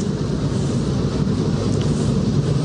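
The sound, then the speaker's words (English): A freight train in New Mexico, right off Route 66, rumbles past at a steady, unbroken level, a dense low roar with a hiss of higher noise on top and no voices. “So we see the Red Mountains in the distance, and the freight train, and some of the cars are very red.”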